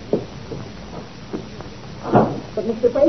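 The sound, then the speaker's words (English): A door swings shut with a single muffled thud partway through, set against low background hiss, with a few soft voice sounds near the end. “Would you mind the door?”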